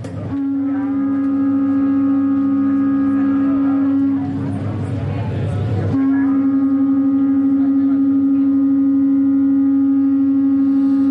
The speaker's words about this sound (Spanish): Pero si ya los juntamos, los unimos a otros más, fíjate cómo suena un trío de cuernos.